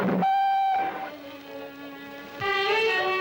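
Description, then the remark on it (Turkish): A loud train whistle blows in three long, steady blasts as the train departs, the middle one lower and softer, with a rich, reedy tone and no voices. “Trenim kalkıyor.”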